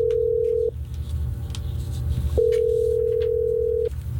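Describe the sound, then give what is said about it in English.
An outgoing phone call from radio station Hot 104.9 rings: a steady, mid-pitched ringback tone sounds twice with a long silent gap between, over a faint low rumble. No one speaks. “Let's see if we can get Sarah on the phone.”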